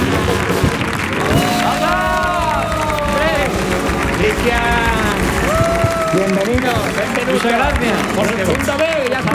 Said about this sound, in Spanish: Pues sin más dilación, querido público, queridos oyentes, vamos a recibir con una fuerte ovación en el show del comandante Lara